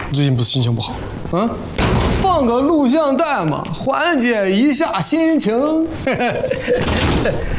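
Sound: door being opened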